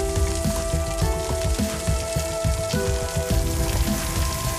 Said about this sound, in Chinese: 下锅之前，荤菜要放到热油里去炸，炸到微微金黄。